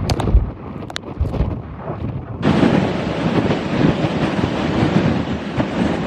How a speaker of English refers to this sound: These are the worst winds that we've gotten all night. It's like you'll have moments of a punch of wind, and then it'll stop, and then we get another punch of it.